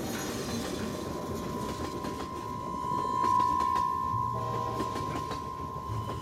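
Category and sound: vehicle, train travelling on rails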